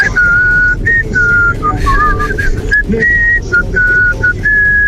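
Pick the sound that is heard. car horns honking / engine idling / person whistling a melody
person whistling a melody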